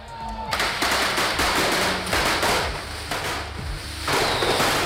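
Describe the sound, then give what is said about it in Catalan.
A dense, continuous barrage of firework rockets bursting and crackling at the night-time cordà on Carrer Major in Paterna, where 70,000 rockets are fired by 350 shooters protected head to toe, with sharp overlapping bangs and a loud roaring hiss throughout, and a few voices faintly audible underneath. “70.000 coets es cremaran esta nit en la corda de Paterna. El carrer Major viurà una descomunal explosió de pólvora.”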